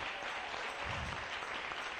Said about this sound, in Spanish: Démosle un aplauso al Rey. Bien fuerte. Para el Rey.